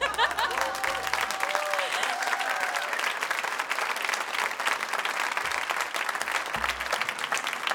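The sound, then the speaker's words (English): A festival crowd applauds steadily throughout for a Ukrainian band on stage, dense clapping from many hands filling the space at a fairly loud, even level, with a few faint voices and a brief tonal sound early on. “You want to clap, yeah?”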